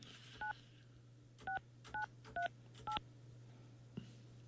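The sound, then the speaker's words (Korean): Five crisp two-tone telephone keypad beeps dialed at a steady pace, each short and evenly spaced, over a faint low hum with a soft click near the end, as a Far East Broadcasting radio show dials a listener. “6938번님 전화 받아주세요.”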